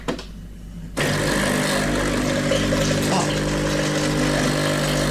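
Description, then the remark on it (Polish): After a second of quiet, an espresso machine starts up when its button is pressed, with a loud, steady pump drone and a low buzzing hum, as it runs its descaling cycle with water and acid. A voice gives a brief exclamation. “Jak słyszycie, to ten ekspres właśnie jest odkamieniony.”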